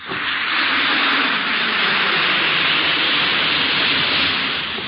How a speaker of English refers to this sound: Listen to it fizz.